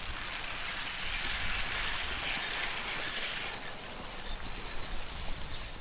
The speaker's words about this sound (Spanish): Y este sonido metálico que se escucha son tubos en la superficie del agua que giran y lanzan la alimentación a los peces que están en las jaulas.